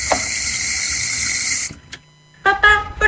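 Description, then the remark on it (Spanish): Water runs steadily from a tap with a bright, hissing rush, then stops abruptly. After a brief silence, a voice begins to speak. “¿Cerrar la pila mientras no cepillamos los dientes?”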